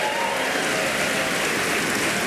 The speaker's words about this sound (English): for every person applauding, the Public Radio Fairy awards us $10